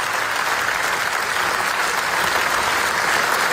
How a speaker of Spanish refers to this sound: Esa ovación que escucháis cruzó los canales de Venecia y terminó retumbando con fuerza en el último Cinemaldia. Es el eco que ha dejado Naza, el demoledor documental de Yuval Abraham y Rachel Shortz